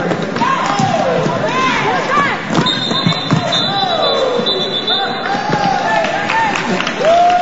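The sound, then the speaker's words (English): A loud, lively crowd cheers and shouts continuously at an Orlando Derby roller derby bout, with scattered yells, thumps and squeaks of skating play, and a sustained high whistle cutting through midway. “Once the derby begins, the crowd goes nuts. The action is fast-paced, and the hits are hard.”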